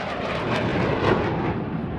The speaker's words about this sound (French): Je vois aussi des oiseaux qui volent haut, parfois un avion qui laisse une longue traînée blanche derrière lui.